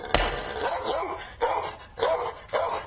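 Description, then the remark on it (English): A neighbor's dogs behind a wall bark in a quick series of sharp, fairly loud barks, about four or five in under three seconds, with no talking. “Threw the paper over the wall every day, and his dogs would come and tear it to shreds.”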